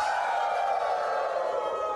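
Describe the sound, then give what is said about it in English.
A crowd of voices roars together in one sustained, loud shout that holds steady for a couple of seconds without a break, with no single speaker standing out: an audience shouting "hell" in unison on a count of three. “Can I get a hell on three? One, two, three.”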